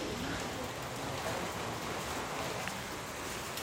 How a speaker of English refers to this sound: It started to rain now, which means it will be another challenging day of rescues for emergency teams.